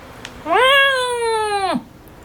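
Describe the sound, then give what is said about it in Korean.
A single loud, drawn-out meow from a large cat named Doryeonnim, rising at the start, holding steady for over a second, then dropping off sharply. Nothing else stands out around it. “도련님은 현우의 마음을 읽은 듯 크게 울었다.”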